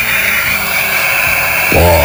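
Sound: airplane engine noise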